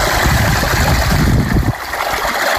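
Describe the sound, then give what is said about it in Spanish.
Drinking water runs from a village fountain in a steady, forceful splashing rush, loud and continuous for the whole moment, with the deeper gurgle easing slightly near the end. No voices. “junto a la fuente del pueblo aseguraba que el agua sigue siendo rica y fresca y que lo peor que te puede pasar si la consumes es que la palmes.”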